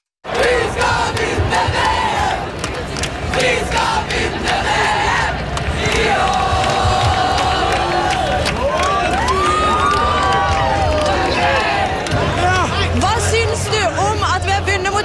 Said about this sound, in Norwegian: De fylte Slottsplassen, Karl Johan og de sentrale gatene i byen. På det meste var det rundt 100 000 mennesker, ifølge mobilsignaler, fikk NRK opplyst av politiet. Det var roing, synging og jubling for å feire seieren over Brasil.